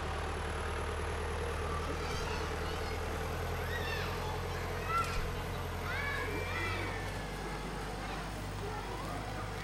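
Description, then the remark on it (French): A steady, low engine drone hums throughout from tractors and cars passing on the road beside a farm, with faint high chirps scattered over the rumble. “Des fois, on entend le bruit des tracteurs et des voitures qui passent sur la route à côté.”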